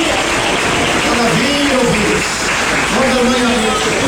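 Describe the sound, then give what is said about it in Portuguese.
An audience claps steadily for about four seconds as applause for Jesus Christ, a dense, loud wash of applause with raised voices calling out over it. “E as palmas para Jesus Cristo.”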